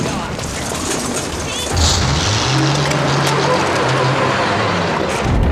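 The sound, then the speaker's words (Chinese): A motorcycle engine roars under a steady rush of road and wind noise as it overtakes a car ahead, its pitch climbing after a couple of seconds and then holding a loud, sustained drone as it speeds along. “摩托车停！ 哟， 给我超过前面那辆汽车 啊！”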